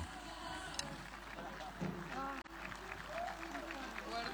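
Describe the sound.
A crowd applauds in a steady, dense wash of clapping that holds at an even level throughout, while a voice speaks over it.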